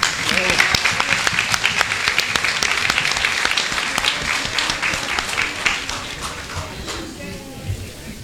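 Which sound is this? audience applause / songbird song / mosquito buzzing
audience applause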